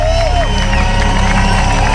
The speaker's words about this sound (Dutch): Je hoort vooral nog veel applaus.